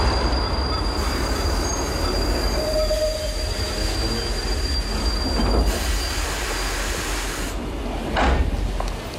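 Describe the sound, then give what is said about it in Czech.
A train rolls steadily along the rails with a loud, continuous rumble, thin metallic wheel squeals ringing above it and occasional clanks, with no voices. “Přijeďte dnes vlakem ve 10:45.”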